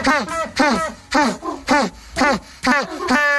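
An African penguin brays in a loud, donkey-like series of about seven harsh, honking calls that rise and fall in pitch. The calls come in a steady rhythm and end with a longer, drawn-out note.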